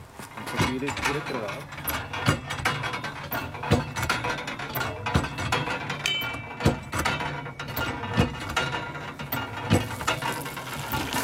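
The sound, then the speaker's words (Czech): A hand water pump in a forest at a pilgrimage site, drawing its miraculous spring water, works in steady repeated strokes, each a clanking, ratcheting squeak of metal, with splashing water and faint voices in the background. “Takže nacházíme se v lese, který zároveň obklopuje toto poutní místo a kde se tady našla ta zázračná orda, kterou můžeme dnes získat pomocí pumpy.”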